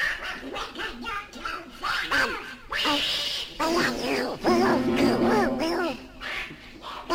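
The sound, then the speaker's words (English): A duck quacks over and over in loud, nasal bursts from inside a piano, the calls coming in quick irregular clusters with short pauses between them. “I'm not bloody well playing this thing with a blinking duck in my piano.”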